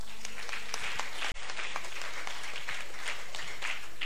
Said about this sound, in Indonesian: Kalau begitu tepuk tangan dulu.